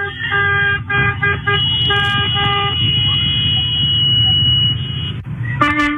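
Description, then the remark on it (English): Several car horns honk repeatedly in overlapping, sustained blasts, mixed with shrill whistle tones over a rumbling street background, loud throughout, as people in Escondido honk horns and blow whistles to warn that ICE agents are coming during an immigration raid. “Right, everybody's honking horns, blowing whistles, trying to tell the illegals that they need to scram because ICE is coming.”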